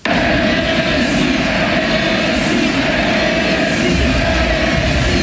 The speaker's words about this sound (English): The game was paused in the 10th minute mark to honour Messi on his final game. Naturally, it was a very vocal crowd. This was the crowd that honoured him.